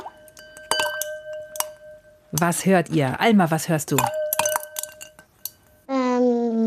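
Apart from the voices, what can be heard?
ice cubes clinking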